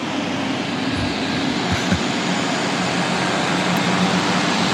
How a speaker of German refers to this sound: Da sind irgendwelche Motoren und so. Also Turbinen und so richtig heftige Motoren.